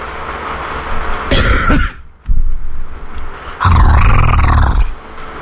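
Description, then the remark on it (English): A person imitates a tiger's purr in two rough, rumbling bursts, the second longer and deeper, fairly loud, with a brief quiet gap between them. “just be glad my tiger purr doesn't affect you.”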